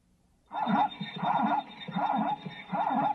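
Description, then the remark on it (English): A zebra calls with a rapid series of loud, yelping barks, roughly four in a steady rhythm, heard on their own with no talking. “Sounds a little like a horse to me. Very close. Now, just paint some stripes on me and you've nailed it down.”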